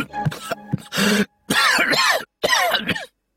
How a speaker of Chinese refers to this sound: 陈平因为急于阻止刘邦，被茶水呛得咳嗽了许久